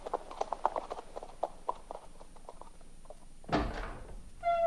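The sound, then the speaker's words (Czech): Steady clip-clop of horse hooves walking at an even pace as a horse is led into the stable, followed by a heavy thud like a wooden door and a brief ringing tone at the end. “Zavedu jen koně do stáje.”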